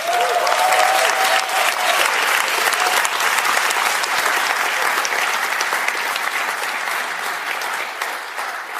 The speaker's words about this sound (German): dass du uns auch glaubst, dass wir gerade im Schlagerspaß sind, das ist dein Applaus.